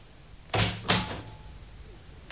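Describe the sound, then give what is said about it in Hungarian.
A door opens as someone enters, with two solid clunks like a latch releasing and the door swinging, then a faint click at the end. “Feje felett a falról Sándor király nézett barátságtalanul az ajtóra és az ajtón belépőkre.”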